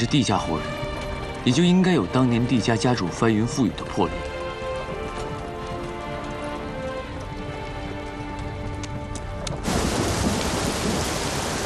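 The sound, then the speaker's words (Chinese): Voices and a sustained tonal bed open the scene as the sky darkens, then a steady rain hiss swells up in the last couple of seconds, dense and even, with no distinct thunderclap standing out. “好像天色阴下来了，似乎要下雨。”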